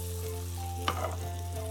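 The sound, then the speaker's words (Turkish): Bread slices, turned to fry on both sides, sizzle steadily in butter on a stove, a soft continuous crackle over a constant low hum, with one brief clink from a utensil partway through. “Güzelce kızartmaya devam ediyoruz.”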